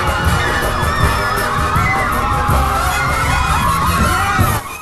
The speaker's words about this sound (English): A large crowd of women chases him.